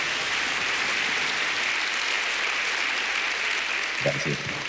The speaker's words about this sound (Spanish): Y quiero que le demos un fuerte aplauso al Señor por la vida de nuestro apóstol